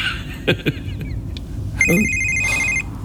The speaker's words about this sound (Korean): 아, 딸애가 또 전화를.